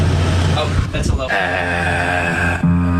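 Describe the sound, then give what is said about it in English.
An air conditioner runs with a steady, low tonal hum and faint overtones, droning continuously, with a brief rustle or bump partway through. “What note is the AC?”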